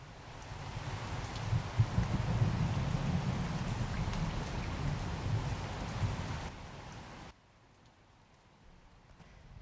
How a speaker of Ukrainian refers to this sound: З тихим дзвоном упали перші краплини, все стрепенулося за вікном і вже широкою чарівною музикою зашумів дощ, так описує дощ Олесь Гончар.